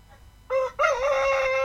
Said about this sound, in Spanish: ¡Bueno, un gallo! Oh, el gallo Claudio, el gallo Claudio. Salud para el gallo Claudio, oye. Oye, parece bonito, mira. Gallo, gallina, otra, gallo, gallina, pato. De todo. Y harta niebla.